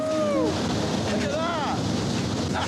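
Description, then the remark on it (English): A loud, steady rushing rumble of oranges tumbling out of a truck in a continuous torrent at a fruit processing plant, with brief excited voices calling out over the noise. “A torrent of oranges is released.”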